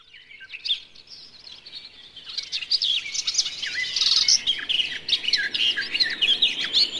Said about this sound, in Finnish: Ja nyt on aika kuunnella viikon luontoääntä. Se on tällä kertaa Lehtokerttu